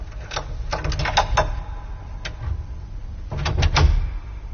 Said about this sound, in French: Et maintenant, avec un peu de sueur sur les tempes et un peu de honte au cœur, je sors de ma poche le même crochet et le glisse dans la serrure de la première petite porte.